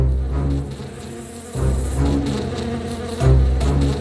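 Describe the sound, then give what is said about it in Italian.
A dense swarm of giant bees, summoned by the Wicked Witch of the West, drones loudly and continuously as they fly toward Dorothy and her friends: a thick low buzzing that surges louder in waves, as if the insects are sweeping in. No voices. “Quando Dorothy e i suoi amici videro le api volare verso di loro, non ebbero il tempo di scappare.”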